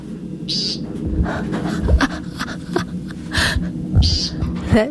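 An American woodcock gives several short, nasal, buzzy peent calls spaced a second or more apart, clear over a low, steady outdoor rumble.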